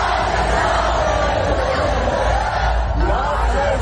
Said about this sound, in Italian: Il più celebrato, eroe di casa, Max Verstappen, ce ne torneremo col mal di testa a forza di sentirli tutti quanti cantare quel motivetto che sentite in sottofondo